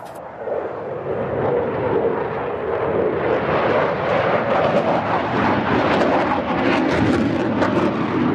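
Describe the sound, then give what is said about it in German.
A loud, sustained jet roar fills the whole stretch, a broad rumbling thunder that stays steady, as Eurofighter or Tornado fighter jets fly over the ILA air show while thousands of visitors crowd the runway fence. No voices are heard. “Tausende Besucher drängen sich am Zaun vom Rollfeld, wenn Eurofighter oder Tornado über die ILA donnern.”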